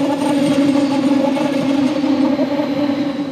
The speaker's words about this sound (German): Er ist kaum zu überhören, der Zugverkehr, der hier zwischen Bayerisch Gmain und Berchtesgaden über die 9 Schienen rollt. Schon lange, bevor man den Zug sieht, baut sich ein schwirrendes Geräusch auf, das immer lauter wird, bis der Zug vorbeifährt.